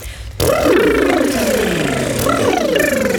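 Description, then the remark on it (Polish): Several voices do a lip trill together as a vocal exercise, a buzzing, motor-like flutter of the lips that mimics a horse's snort, with pitches sliding up and down, loud, for about three seconds. “Spróbujmy najpierw wszyscy zrobić taki dźwięk parsknięcia konia.”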